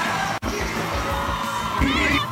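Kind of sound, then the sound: crowd, crowd shouting and cheering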